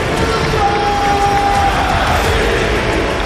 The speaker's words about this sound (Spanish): Te pone la piel de gallina realmente oír al estadio como ruge apoyando a un jugador como Diacabí, pero lo has comentado tú, es un jugador muy querido, de verdad.